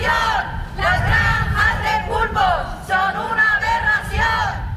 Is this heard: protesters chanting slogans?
yes